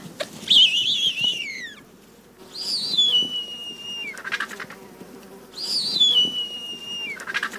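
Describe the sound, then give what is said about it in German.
A bearded vulture gives three thin, high whistling calls, each sliding downward and trailing off, spaced a couple of seconds apart over a quiet, faintly rumbling background. “Seine Stimme dagegen ist weniger mächtig und er ist auch selten zu hören.”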